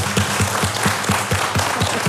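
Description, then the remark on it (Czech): Steady, rhythmic tapping by guitarist Štěpán Rak on his guitar body, heard over the radio on the programme Tobogan, about four hollow low knocks per second, sounding over a dense, hissy wash of noise with no voices. “Ano, to poklepávání, které slyšíte ze svých rozhlasových příjmačů, to nejsou řemeslníci, kteří by nezodpovědně pracovali.”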